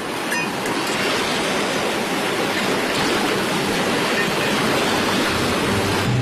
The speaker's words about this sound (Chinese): 因为常年受海浪的侵袭，海岛边缘地带的这些巨大而连片的岩石变得陡峭湿滑，形状奇异。